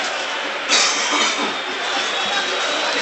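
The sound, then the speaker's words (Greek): A football stadium crowd roars and shouts for a card after Moukoudi pulls down Tetey, a foul for Panathinaikos; the din swells suddenly early on and then holds as a loud, steady wash of massed voices. “Πάλι φωνές για κάρτα.”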